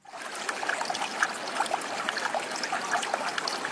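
A stream trickles and babbles steadily where it flows into a bend with deposited sand at its edge, with bright little gurgles and splashes over a continuous wash of flowing water and no voices.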